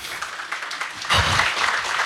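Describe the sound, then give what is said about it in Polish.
Gentle audience applause, a soft patter of many hands clapping that swells noticeably louder about halfway through and stays steady, with no voices over it. “Słuchajcie, jeszcze raz takie delikatne, żeby się nie zdenerwował. Brawa, może?”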